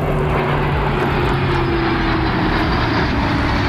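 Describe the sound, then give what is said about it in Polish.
A loud, steady roar of military fighter jets passing overhead above the Vistula River, a dense engine rush with low droning tones running throughout, continuous with no voices. “Nad ranem odbyła się próba generalna, wcześniej w nocy Wisłostradą przejechał ciężki sprzęt, a wczoraj nad Wisłą latały wojskowe myśliwce i helikoptery.”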